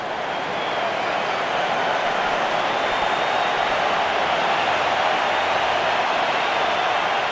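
A large stadium crowd at a Mexico football match applauds Quiñones as he is substituted off for Alexis Vega, in a steady, dense wash of clapping and cheering that holds at an even, loud level for several seconds without a break.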